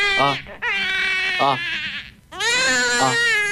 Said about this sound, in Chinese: 就在同一时间，产房里传来了一声婴儿的啼哭。